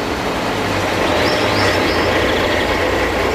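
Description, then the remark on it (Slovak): A train rumbles past a street crossing on Botová street, a loud, steady roar of rolling wheels and rail noise with a faint metallic squeal rising briefly above it. No one speaks. “Tu veľký ruch, viete, sú stoja a vozy na zase vlak stojí”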